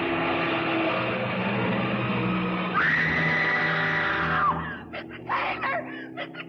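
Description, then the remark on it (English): A woman lets out a long, high, sustained scream lasting a couple of seconds as a truck tries to run down a man stepping off the curb, cutting over the truck's loud rumbling engine roar that continues beneath it and then breaks into rough bursts. “The truck had tried to run me down, and it would have if she hadn't screamed.”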